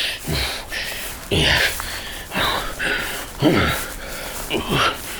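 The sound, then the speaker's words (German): A voice imitates heavy puffing and panting, a string of forceful breathy huffs and snorts at a steady, roughly once-per-second rhythm, fairly loud, as of someone hauling a heavy chest on his back through a thicket. “Prustend und schnaufend schleppte er seine Beute durch das Dickicht in seine Höhle.”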